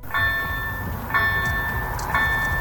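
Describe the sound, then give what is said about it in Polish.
A train rumbles steadily past a level crossing in Kaletnik, on the road between Kaletnik and Borowa, while the crossing bell rings with a bright, regular ding about once a second as people wait about a minute; no voices present. “Minuta oczekiwania, którym towarzyszy liczenie wagonów.”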